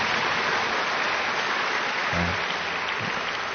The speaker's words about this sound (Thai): และในโอกาสนี้ขอให้นักเรียนวิสตาทุกคนนะทั้งอยู่ในห้องนี้และนอกห้องแค่สามารถนึกเอาปรบมือให้คุณครูดังๆเลยนะดังๆเลย